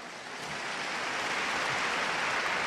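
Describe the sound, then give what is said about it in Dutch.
Steady, dense clapping from a large audience, a continuous crackling wash of applause that holds at an even level throughout, with no voices over it. “Opnieuw een applaus, zoals u kan horen.”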